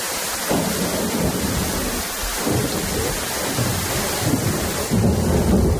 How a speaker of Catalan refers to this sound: Ho escolten, la pluja, els llamps i els trons han estat els protagonistes d'un vespre i d'una nit molt complicada al territori català amb motiu del temporal que s'ha sacsejat Catalunya, sobretot al litoral i prelitoral central.